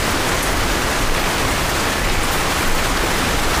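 river water flowing

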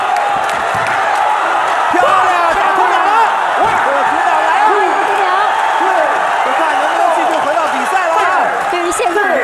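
audience cheering

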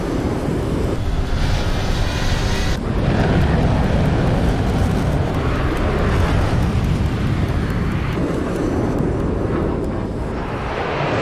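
aircraft flying

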